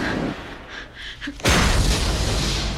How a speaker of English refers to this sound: The testing room's doors explode.